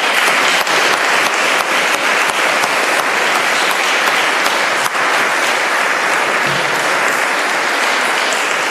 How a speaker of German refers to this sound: Das ist so toll, muss ich jetzt vergelt's Gott, laut, wir haben einen Applaus verdient.